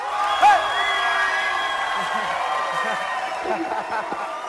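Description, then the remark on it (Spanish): A crowd applauds and cheers steadily for several seconds as vallenato king Julián Rojas is welcomed, with a sharp whoop near the start and scattered shouts rising over the dense clapping. “Los invito a que reciban con un caluroso aplauso al rey por excelencia, ¡Julián Rojas!”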